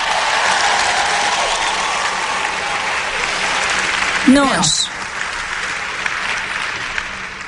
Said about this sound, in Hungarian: Gyerünk, adjunk egy tapsot Istennek!